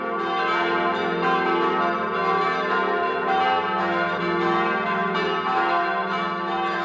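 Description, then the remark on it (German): Several bells of the Church of St. Joseph the Worker in Ganschir, Vorarlberg, ring together at 12 noon in a continuous, overlapping peal, dense and sustained with rich ringing overtones, steady in loudness and heard without any voices. “Es ist 12 Uhr. Sie hören die Glocken der Kirche zum heiligen Josef dem Arbeiter in Ganschir in Vorarlberg.”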